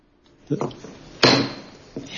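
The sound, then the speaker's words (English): A gavel raps hard on a wooden block three times to call a US Senate Committee on Health, Education, Labor, and Pensions hearing on an FDA Commissioner nominee to order, the middle strike loudest and ringing briefly amid faint background murmur. “The light tap, the reporters were still there, so I had to kind of wrap it harder.”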